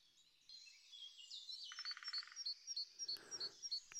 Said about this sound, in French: Entendez-vous cet oiseau très beau? Cet oiseau très beau n'est-il visible que par son chant?